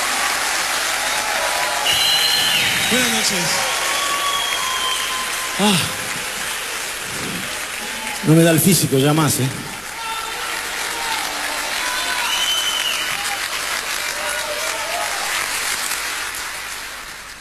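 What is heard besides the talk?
audience applause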